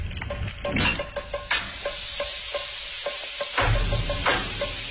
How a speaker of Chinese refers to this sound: 挤出内脏，洗净，放盐和醋腌制片刻，让鱼去腥入味。油烧至7-8成热，啪啪鱼下锅，